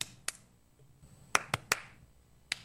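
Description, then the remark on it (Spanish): Sharp hand claps in a rhythmic pattern, demonstrated for a clapping exercise: one clap, a pause, then three quick claps and a final one. The claps are crisp and loud against near silence, with no talking. “Aplaude conmigo.”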